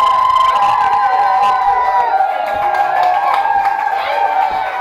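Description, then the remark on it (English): A large crowd at a music concert cheers and screams continuously, a loud, dense roar of high-pitched shrieks and whoops that holds steady for the whole stretch without a break. “Might have to let them go to the bathroom real quick or something, but then keep screaming though.”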